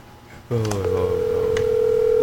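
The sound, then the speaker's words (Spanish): A phone line tone kicks in abruptly and holds as one steady, unbroken electronic hum, fairly loud, a call ringing out with no one picking up. “Ay, por favor. No contesta.”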